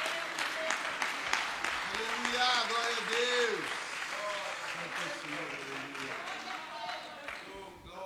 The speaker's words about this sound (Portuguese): Dê um aplauso para Cristo, bem forte.